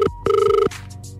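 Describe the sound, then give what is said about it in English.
A phone line ringing out on an outgoing call placed by a Wave radio presenter to a listener: a short tone burst, a brief gap, then a longer steady two-tone ring that cuts off, followed by faint line noise. Loud, with no talking. “I've got a number in the phone,”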